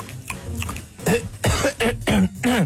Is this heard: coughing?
yes